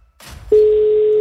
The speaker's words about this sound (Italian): Non suona. Stiamo prendendo tempo. Oh, oh, forse sì. Senti, senti, senti cosa dice. Primo squillo.